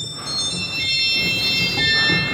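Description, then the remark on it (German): Shrill, high-pitched church organ stops, out of tune and too high, hold a steady, slightly sour-sounding chord of piercing tones throughout in a church, with a soft low rumble underneath and no talking. “Und viele Register klingen auch einfach schief und sind zu hoch und quietschig.”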